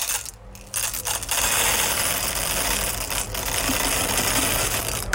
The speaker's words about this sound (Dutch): Het vullen van de koffiemolen. Ah ja, die hoorde ik er wel in hoor. Overduidelijk. Ja, ja. Ja, het had ook M&M's kunnen zijn. Of hagelslag, maar toen dacht ik, nee, maar dan is het wel van grote hoogte ingegoten. Koffiebonen, check.